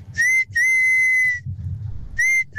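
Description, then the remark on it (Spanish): A father whistles a loud, piercing call-whistle to call his children home from playing on the block: a short blast, then a long sustained note, a pause, and another short burst starting again, with faint low rumble between. “Entonces llegaba a determinada hora y mi papá salía pues a meternos a la casa, pero su forma era chiflarnos así.”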